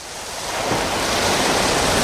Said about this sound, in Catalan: un dels sons que més em relaxen és sentir les onades del mar.